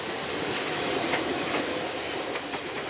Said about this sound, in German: Modernisierte Triebwagen aus den 60er Jahren sind noch häufig im Einsatz.